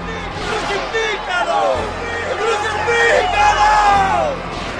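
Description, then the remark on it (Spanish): A crowd of many voices shouts and yells over one another in a loud, continuous roar, with raised calls rising and falling throughout and no single voice standing out. “Pero ellos se pusieron a gritar.”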